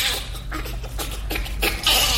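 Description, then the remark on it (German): A bonobo laughing in quick, breathy bursts with high squeaky edges, a rhythmic panting series that grows louder and shriller toward the end, with no one talking. “Klar, es tönt anders, aber so vom Rhythmus her dann doch irgendwie ein bisschen ähnlich wie der Bonobo, den wir gerade gehört haben.”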